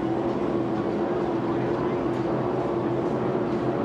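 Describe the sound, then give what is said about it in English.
The engine of a 1994-model racing catamaran roars steadily and loudly throughout, a dense, unbroken drone with a strong low hum and no pauses or changes in pitch. “I believe that's an awesome cat. I heard Bob telling it was 1994 model”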